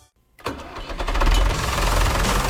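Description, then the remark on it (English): After a brief silence, a heavy Coyote tractor engine cranks and catches, building into a loud, rumbling idle with a rapid chugging pulse. No voices are heard. “There are better known tractors in the world than Coyote.”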